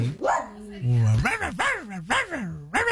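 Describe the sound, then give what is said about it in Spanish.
Puppies watching the TV show Buenos Días América yip and bark in a quick run of high, whiny calls, each one sliding up and down in pitch, about five in a row with barely a pause between them. “Con sus cachorritos viendo Buenos Días América.”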